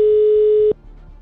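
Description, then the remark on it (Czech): A telephone ringing tone after dialing: a single loud, steady electronic beep holding one pitch for under a second, then cutting off to quiet line hiss. No one speaks. “Tak, je vytočeno. Jsem si dal ten telefon dneska bokem, jsem nevěděl na to číslo pořádně. Ale snad zvoníme správně.”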